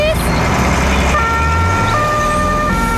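An emergency vehicle siren wails loudly, its steady tones stepping between pitches, over a low rumble of engine and road noise.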